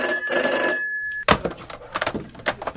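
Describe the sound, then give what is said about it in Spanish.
A telephone bell rings loudly and steadily for about a second, then cuts off with a sharp clunk as the receiver is picked up, followed by a few handling knocks and rustles. “Entre todos, ¿podéis escoger los malditos teléfonos?”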